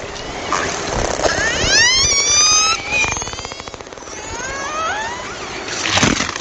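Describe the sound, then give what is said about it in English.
Icelandic killer whales hunting herring: a rapid buzzing train of clicks mixed with high, rising and falling whistles and squeals over a constant hissing underwater wash, with no talking. “These Icelandic killer whales aren't making these sounds for fun. They're using them to hunt their favorite food, herring.”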